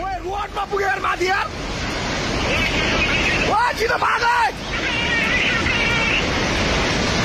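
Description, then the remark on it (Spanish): A flash flood torrent roars steadily down a mountain with a dense, rushing rumble and the knocking of rocks, while people up the mountain shout and cry out over it in two short bursts near the start and middle. “Pero escuchen los gritos constantes de la gente que empieza a sentir montaña arriba, ¿sí? Los golpes de las piedras y después esto.”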